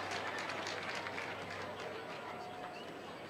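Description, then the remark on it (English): Steady applause from Dodger fans behind the Comets dugout, many hands clapping at once in a dense wash of sound with a continuous low crowd murmur underneath, for Kike Hernandez as he heads back to the dugout after being retired on a ground ball. “And some of the Dodger fans behind the Comets dugout on their feet still clapping Kike as he heads back to the dugout.”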